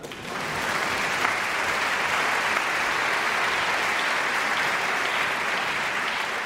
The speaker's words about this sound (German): Und nochmal extra Applaus für die Janitscharenkapelle heute Abend.